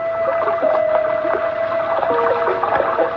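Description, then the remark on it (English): Rainwater from an overflowing gutter gushes steadily past the only window of a room just below gutter level, on a narrow street in Edinburgh, Scotland: a dense, continuous rush with scattered splashes and a faint steady hum running underneath throughout. “That's the way it sounded when it rained, because the room was just below gutter level, and the rainwater rushed by the room's only window.”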